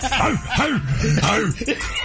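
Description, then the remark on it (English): Men bark like dogs in a quick, loud run of about five or six short woofs, with a hint of chuckling mixed in. “I don't know why we bark when we do this.”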